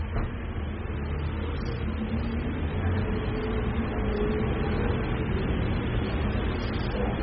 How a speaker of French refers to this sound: Un taxi, un autre taxi, encore un taxi. Un camion Candia, la pureté du lait. Un camion Euromarais. Le feu devient rouge boulevard Saint-Germain.